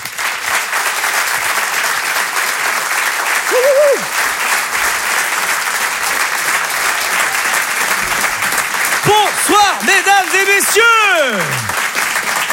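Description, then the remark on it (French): A large audience applauds loudly and steadily throughout as a performer is introduced on stage, with a few high whooping cheers rising above the clapping, especially toward the end. “Je vous demande de l'applaudir lui aussi très très fort, s'il vous plaît.”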